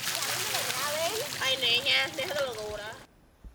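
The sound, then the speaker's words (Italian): Steady splashing and rushing water fills the scene outdoors as people wash together in the open, children and horses alike, with excited children's voices calling and shouting over it, then it cuts off abruptly into near silence. “La si prende allora dove c'è. Ci si lava insieme all'aperto, bambini e cavalli.”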